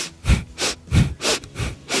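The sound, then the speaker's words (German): Quick, rhythmic breathing during a swinging exercise, swinging side to side, with about three in-and-out cycles in two seconds. Each breath is a breathy whoosh, and the pattern is steady and even, with no talking. “wir schwingen so hin und her, geht die Ausatmung ganz von selbst”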